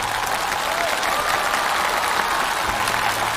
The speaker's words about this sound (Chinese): 我就再次把掌声送给他们，好不好？谢谢二位，谢谢。